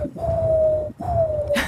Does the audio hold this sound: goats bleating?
no